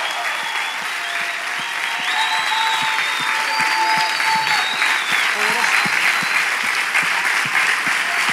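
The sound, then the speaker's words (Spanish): An audience claps loudly and steadily for several seconds, giving applause to the Lord, a dense wash of applause with a few voices calling out underneath. “Oh, dale ese aplauso fuerte al Señor y dile, Señor, gracias.”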